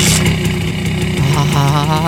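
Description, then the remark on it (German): A small Simson S51 moped engine runs steadily with a loud, buzzing low-pitched drone and a rattling two-stroke texture, holding an even idle throughout. “Herrlich, dieser Sound. Und jetzt stellen Sie sich vor, wie sie drauf sitzen und einfach davon zischen auf ihrer niegelnagelneuen Simson S51.”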